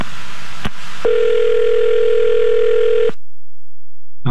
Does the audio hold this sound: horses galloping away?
no